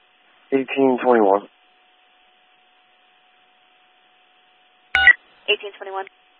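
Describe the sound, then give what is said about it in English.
Short bursts of telephone touch-tone dialing to call someone back, a quick run of beeping tones after a sharp click, with a brief stretch of radio-like talking before them. “1899, we will call him back and then have him call the station.”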